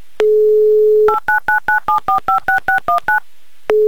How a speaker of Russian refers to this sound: Набран номер телефона Арсения, и сразу пошли короткие гудки. И как-то было не очень понятно, то ли они действительно сразу пошли, то ли там что-то сорвалось.